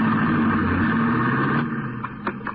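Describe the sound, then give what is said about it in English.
A steady engine drone of a car driving along the ocean as fog clears, a continuous low rumble that holds level, then eases slightly near the end with a few faint clicks and knocks. No one speaks. “As we drove along the ocean, the fog cleared up rapidly.”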